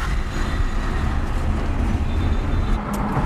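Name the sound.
busy road traffic heard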